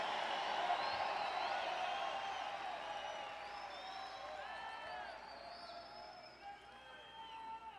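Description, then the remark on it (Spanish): An audience erupts in loud, overlapping shouts of hallelujah, many voices crying out at once with rising and falling pitched calls, staying strong throughout and easing slightly toward the end. “Me gusta ese aleluya, ese grito.”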